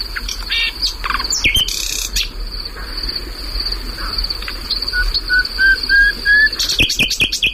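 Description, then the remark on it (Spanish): A nightingale sings at night, recorded some years ago at a spot that has since burned, in bursts of varied, sharp phrases at the start and end, with a rising series of notes between, over a constant high cricket trill in a quiet night. “O sea, este pájaro, por cierto, perdona, sí, está cantando en un lugar que anteayer ardió.”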